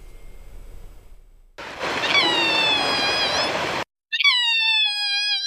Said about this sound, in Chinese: 这是今年新生的小鹿啊，它往往在不安的情况下，或者说比如说跟妈妈失散，或者是说受到了一些干扰，或者是到了一个陌生的环境，他会发出这种声音，他妈妈就直奔这个声音的地方去了。